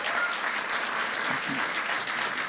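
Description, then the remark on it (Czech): Steady audience applause at a music record presentation, for a cameraman who shot two music videos: a dense, even patter of many hands clapping at once, with no voices standing out above it. “Ale když jste to neviděli, čemu tleskáte?”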